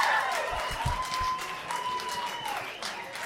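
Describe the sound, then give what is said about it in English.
An audience claps and cheers steadily for about three seconds in answer to a question about who likes ladies' night out, two women cheering, with a sustained high whistle or whoop drawn out over the dense clatter of hands and a few low thumps underneath. “Women, by round of applause, who likes it when it's ladies' night out, when you leave the twig and berries behind for the night?”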